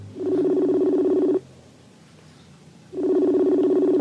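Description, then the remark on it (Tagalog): Cellphone dialing tones while calling someone: two long, steady electronic buzzing tones separated by a silent pause of about a second and a half, clear, with no talking. “Tawagan ko siya, bala. Oh. Cellphone ko.”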